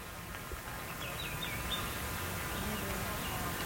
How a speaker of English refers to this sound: quiet and the birds are chirping. It's really pretty.